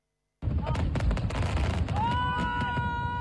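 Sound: fireworks exploding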